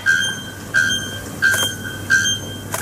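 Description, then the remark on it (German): A bare-throated bellbird calls with loud, ringing metallic notes, repeated about every 0.7 seconds in a steady rhythm, each a sharp squeaky clang like a rusty swing, with no voices present. “Es ist aber tatsächlich ein Vogel. Und zwar ein Vogel mit einem wunderschönen Namen. Nacktkehlglockenvogel.”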